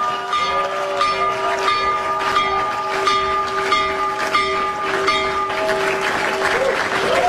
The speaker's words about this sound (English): One, he rung the opening bell for the New York Stock Exchange from the Oval Office. I didn't know that you could do this remotely, but it turns out if you're president of the United States, you're allowed to do a remote opening bell. Listen to this.